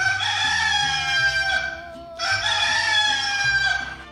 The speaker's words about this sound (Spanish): Así que ahí está ese gallo, está cantando para que usted se despierte y ya tome esa iniciativa de levantarse.